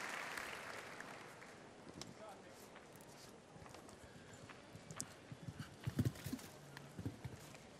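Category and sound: animal, horse hooves clip-clopping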